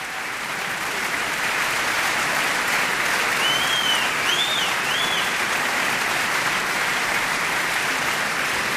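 Dense, sustained applause from a large opera audience at the reopening of the Cologne Opera on Offenbachplatz after renovation, celebrating the Gürzenich Orchestra, conductor Andrés Orozco Estrada and guest singer Alina Wunderlin; a steady roar of clapping at constant loudness, a few faint whistles rising midway, no speech.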